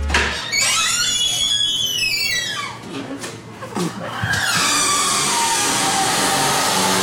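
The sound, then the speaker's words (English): A door swings open on its own, without being held, with a loud, high-pitched squeak whose pitch glides and wavers for a couple of seconds, followed by scraping, creaky noise as it keeps moving. “You heard the open, which was the higher pitch squeak,”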